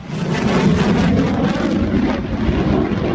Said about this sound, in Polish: To symboliczne powitanie najnowocześniejszych samolotów bojowych w historii polskiego lotnictwa. Trzy pierwsze F-35 przyleciały do Łasku pod koniec maja, a dziś wykonują uroczysty przelot nad najważniejszymi miejscami w kraju.